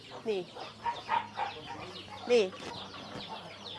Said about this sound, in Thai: นี่ตอนนี้เป็นการเลี้ยงแบบผสมผสานนะเมื่อกี้ในนี้ก็มีไก่อยู่ด้วยนะคุณผู้ชมนะมีไก่อยู่ในฟางนะเป็นหญ้าแห้งนะคะผสมผสานกันไป